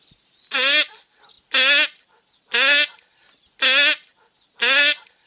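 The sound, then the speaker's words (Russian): A person imitates a duck's quack, the way a drake calls a female duck, five times in a steady rhythm, each nasal call loud, with short silent gaps between them and no talking. “Ну ладно, давайте крякать учиться, как утки.”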